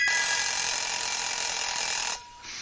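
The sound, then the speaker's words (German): A mechanical alarm clock rings loudly and continuously with a rapid metallic clatter, breaks off for a moment near the end, then starts ringing again. No voices. “Der Wecker.”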